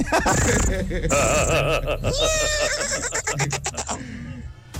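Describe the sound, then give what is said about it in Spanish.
A person imitates a foal's whinny as a hidden talent for Tropicana, like a baby horse crossed with a cat: a high, shaky, warbling neigh that wavers in pitch for several seconds, loud, ending in a few quick breathy snorts. “Mi talento oculto es, Tropicana, ser un caballo.”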